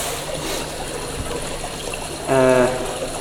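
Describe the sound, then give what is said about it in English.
Water trickles and splashes steadily, then a brief brighter pouring burst with a rising tone near the end, as drinking water is poured into a glass. “Oh yeah, take a sip of the water if you like, just to wet your palate.”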